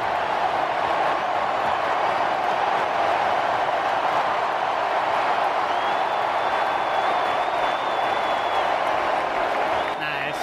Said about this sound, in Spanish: Se viene el 10, se viene Leo Messi, se marcha Lautaro y esta es la ovación para el número 10, Leo Messi.